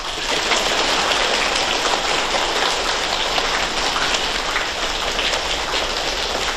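A crowd of students applauds warmly to welcome a Chinese People's Volunteers veteran, with dense, steady clapping that holds at a loud level for several seconds without a break and no voices on top.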